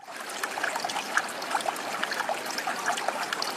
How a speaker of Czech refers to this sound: Tady na kraji potoka, kde teče do zatáčky, je nanesený písek.